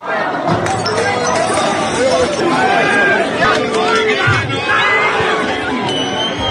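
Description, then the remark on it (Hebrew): A loud crowd of disappointed football fans shouts "nein" and chants continuously in a street in Berlin after Paraguay's final goal from a penalty, with repeated sharp crashes of glass bottles being smashed by the fans cutting through the steady roar of voices. “רק נסביר מה אנחנו שומעים פה, האוהדים ממש מנפצים בקבוקי זכוכית ברחוב, צועקים נין אחרי הגול האחרון בפנדל של פרגוואי”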